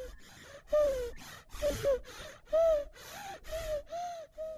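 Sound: baby's labored breathing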